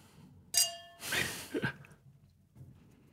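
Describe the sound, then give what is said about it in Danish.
Glasses clink together once in a toast, a bright ringing chime that fades quickly, followed by soft breathy sipping or exhaling sounds. No one speaks. “Skål, skål på skål, det her. Skål, skål, ja.”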